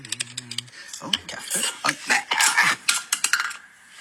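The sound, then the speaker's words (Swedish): A quick jumble of clattering dishes and rattling clicks as a radio reporter knocks a coffee cup and spills a little coffee, staining his trousers, with sharp irregular clinks and a brief low hum near the start. “som spiller ut lite kaffe där och får fläckar på byxorna.”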